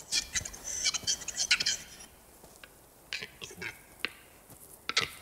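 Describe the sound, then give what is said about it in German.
Capercaillie cocks giving courtship display calls in the Bavarian Forest: a burst of dry, rustling wheezes, then sparse sharp clicks and pops at uneven intervals, fairly quiet and with no voices. “Das kommt vor, denn die Hähne sind, während sie ihre Balzrufe vortragen, unaufmerksam.”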